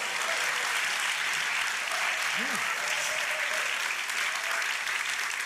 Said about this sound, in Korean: 박수를 쳐주실 거면 조금 더 크게 쳐주시면 좋겠습니다.